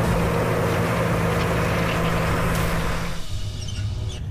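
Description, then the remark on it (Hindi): A heavy, steady engine rumble from armored vehicles, with a low droning hum and broad grinding noise that eases slightly toward the end. No one speaks. “तकनीक कितनी भी बदल जाए लेकिन जमीन पर जीत की अंतिम मुहर हमेशा बख्तरबंद गाड़ियों की गड़गड़ाहट से ही तय होती।”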